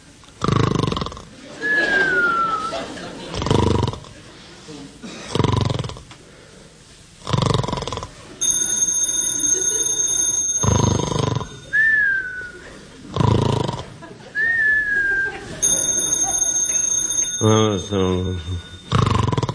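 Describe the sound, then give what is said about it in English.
A telephone rings in two steady electronic bursts at 4 o'clock in the morning in a house in Beverly Hills, over loud, rhythmic snoring punctuated by whistling exhales, all fairly loud. “The phone. It's a phone. Who'd be calling me in the middle of the night?”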